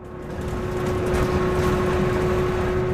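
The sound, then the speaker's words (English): An electric school bus drives along on a test ride with a soft, steady rumble and a thin, constant motor whine held at one pitch. There are no voices. “We're going for a ride on an electric school bus.”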